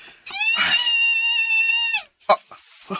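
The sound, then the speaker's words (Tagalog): A mother screams after her child suddenly goes missing, in one long, high, wailing cry that holds steady for nearly two seconds, then breaks into a couple of short, sharp bursts. “Singgit nitong ina.”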